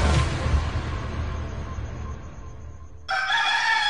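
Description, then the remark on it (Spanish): A rooster crows loudly, its strained call ringing out over a low rumbling background, then a bright, harmonic burst of crowing kicks in again near the end. “Con el canto de las aves, el sonido de las aguas, el despertar de las personas.”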